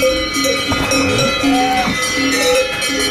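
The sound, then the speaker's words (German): A cluster of cowbells worn by cows on an alpine pasture clanking and ringing in overlapping, irregular rhythms, several bells of different pitches sounding at once, steady throughout, with no talking. “Wenn die Kühe vor einem Maulstang warten, aber es tönt auch so.”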